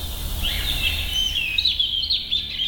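A European robin sings a continuous, high, warbling song of thin twittering phrases. The song is clear over a low background rumble, with no voices.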